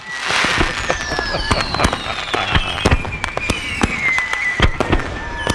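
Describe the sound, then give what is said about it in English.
A fireworks sound effect played in a control room for the 4th of July weekend: loud bursts, a rapid stream of sharp cracks and pops layered over whistling, descending screeches that trail off across the sky. “I need some fireworks here in the control room. Incoming! Incoming!”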